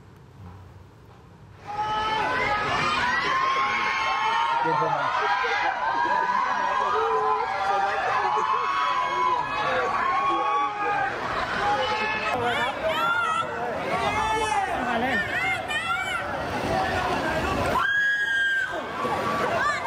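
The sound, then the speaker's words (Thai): A loud crowd of Khlong Chan flats residents shouts questions at the Prime Minister during his inspection visit, voices overlapping in a dense, continuous clamor with raised calls and babble, energetic throughout. “นายกลงพื้นที่ตรวจเยี่ยมแฟลตคลองจันทน์ใช่มั้ยอาจารย์ถ้าได้ติดตามภาพแล้วนะฮะเมื่อคืนที่ผ่านมานี่เองซึ่งชาวแฟลตคลองจันทน์ตะโกนถามท่านนายกด้วยความเคารพแล้วถามว่านายกมาทำไมฟังเสียงบรรยากาศครับ”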